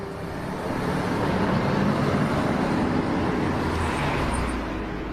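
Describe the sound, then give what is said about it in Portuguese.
Steady roar of heavy traffic on the largest, busiest avenue in the city of Rio de Janeiro, with cars, motorbikes, buses and trucks rumbling past continuously, a dense, loud wash of engine and tire noise with no pauses. “Passando por carros, motos e caminhões, na maior e mais movimentada avenida da cidade, existe um lugar repleto de natureza.”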